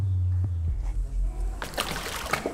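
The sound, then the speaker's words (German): Water splashing and sloshing as a water turtle is fed, a low churning at first, then a burst of sharper splatters and dribbles as the turtle lunges at the surface snapping at food, with no voices. “Die greift immer daneben. Ja, Schildkrötenfütterei heute hier. Aber jetzt hat sie sich eine geschnappt.”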